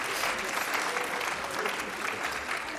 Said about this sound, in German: Sehr gut, ein Applaus. Bravo!